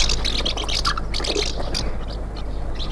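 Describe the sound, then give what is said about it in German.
A house martin calls in a run of short, dry chirrups and twitters, quick and irregular, over a steady low background hum. “Vielleicht die Mehlschwalbe.”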